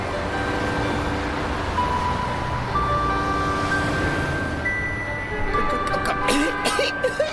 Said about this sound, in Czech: Vyběhli na chodník, rovnou do chuchvalců kouře z výfuku aut, která se po ulici nepřetržitě hnala jako divá.